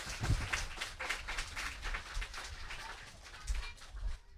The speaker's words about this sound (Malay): Kalau sudah siap, ayo kita mulai Idola Anak dengan semua tepuk tangan yang paling meriah.